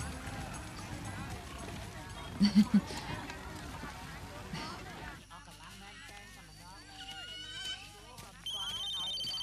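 A telephone rings in three quick, loud pulses amid a busy, noisy background, followed by a stretch of other sounds and a shift in tone.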